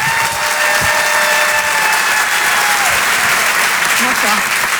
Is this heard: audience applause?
yes